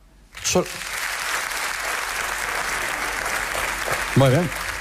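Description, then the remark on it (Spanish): An audience, after being asked that only the self-employed (autónomos) clap, breaks into steady, dense applause that carries on throughout, with a few brief voices calling out and laughing over the clapping. “¿Podría aplaudir solamente la gente que sea autónoma?”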